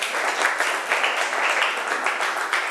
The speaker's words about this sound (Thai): เพื่อนทำเสร็จแล้วนะคะปรบมือเพื่อนหน่อยค่ะลูกเก่งมาก